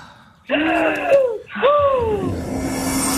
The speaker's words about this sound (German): Ich atme ein, ich atme aus. Macht das bitte auch.